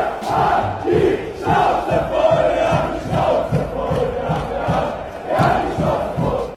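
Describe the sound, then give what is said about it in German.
A large demonstration crowd chants in unison, loud and continuous, with rhythmic repeated shouts rising and falling in a steady cadence, no single voice standing out. “Unter ein Video von einer großen Demo und tun so, als wären das AfD-Demos.”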